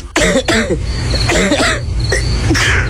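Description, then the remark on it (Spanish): Several harsh, loud coughs burst out in quick succession, with a steady low rumble underneath and no talking. “Uno sabe reconocer cuando algo no anda bien con tu salud o la de tu familia, porque los síntomas no mienten. Tos, flema, fiebre, decaimiento.”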